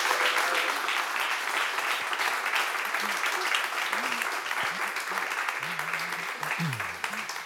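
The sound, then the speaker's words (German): Sustained crowd applause welcoming three tasters at an event comparing Mendelssohn recordings, a dense steady wash of many hands clapping at an even loudness, with faint voices murmuring underneath and a brief call near the end. “Und jetzt bitte ich um einen herzlichen und großen Applaus für unsere 3 Verkoster.”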